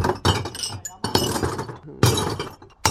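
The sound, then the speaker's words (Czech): A full basket of glass bottles tipped into a household glass-recycling bin: a loud cascade of clinking, clattering and shattering glass in several bursts, with no talking. “vy už tady máte i nachystaný plný košíček skla. Jdu ho akorát vysypat.”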